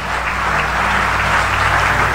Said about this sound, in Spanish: Aleluya, aplaude a Dios por eso.